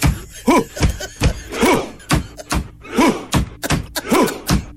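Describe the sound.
Heavy, steady thumps pounded out by hand on a hard surface in imitation of a Viking rowing drum beat, about ten loud hits in a driving rhythm, with short vocal grunts between some beats.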